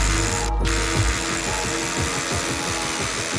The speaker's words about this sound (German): Wir haben uns dann nochmal dafür entschieden, zusätzlich Haken zu bohren. Der Bohrhaken hält natürlich viel, viel mehr Last im Vergleich zum Klemmkeil und letztendlich hängen da ja auch mehrere Leute dann dran.